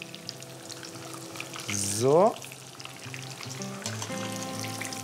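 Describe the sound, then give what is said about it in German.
Breaded meat fries in a pan with plenty of fat over medium heat, browning golden on all sides, a constant crackling hiss with a brief louder flare partway through, while a voice briefly speaks. “Und jetzt braten wir es einmal von allen Seiten goldbraun an.”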